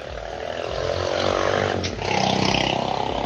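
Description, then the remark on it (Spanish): A loud, rough engine roar from a motorcycle taxi with a broken exhaust passing on the Libramiento del Naranjo road, harsh and rattling, swelling and sustained for a few seconds, with a brief scrape partway through. “Perdón, iba pasando una mototaxi. Pues parece ser que trae roto el escape porque se oye muy, muy feo.”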